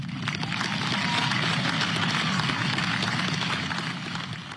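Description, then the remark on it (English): A crowd claps in a sustained round of applause, a dense, steady patter of many hands that holds its loudness for several seconds before easing slightly at the end, with no voices over it. “that was a decent round of applause.”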